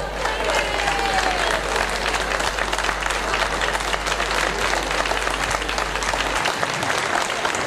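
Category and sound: crowd, audience applauding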